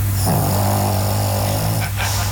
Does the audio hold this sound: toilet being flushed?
no